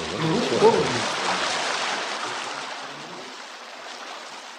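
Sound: rain falling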